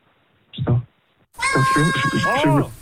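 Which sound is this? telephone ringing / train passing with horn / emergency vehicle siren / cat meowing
cat meowing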